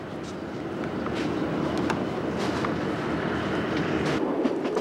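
A Chemin de Fer de la Corse train on Corsica, heading past Casamozza into the mountains, rumbles steadily along the rails with a dense, continuous roar and faint rhythmic clicks of the wheels, with no voices.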